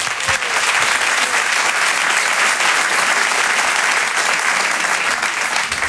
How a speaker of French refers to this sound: C'est un stand-upper, je vous demande de l'applaudir très fort également,